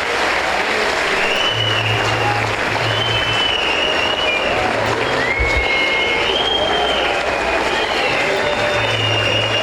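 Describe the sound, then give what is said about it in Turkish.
Sustained audience applause for a football club's technical team, footballers and staff, a dense, steady wash of clapping from many hands that stays loud and even throughout, with a few faint whistles rising above it. “Ama öncelikle sizlerden, başta Okan hocamız olmak üzere, teknik ekibimize, futbolcu kardeşlerimize ve tüm çalışanlarımıza güçlü bir alkış göndermemizi rica ediyorum.”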